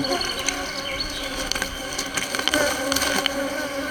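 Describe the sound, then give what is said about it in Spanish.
Flies buzz steadily around a pile of debris and bones in an eagle's nest, a dense, droning insect hum with brief louder passes now and then, with no voices. “La pila de desechos, huesos y moscas se está volviendo insoportable.”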